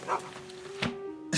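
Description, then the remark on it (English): A dog growls in a low, steady rumble, broken by three short, sharper bursts at the start, middle and end, with no one talking. “Is that dog growling?”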